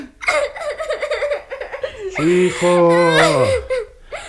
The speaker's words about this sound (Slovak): Tak už neplač.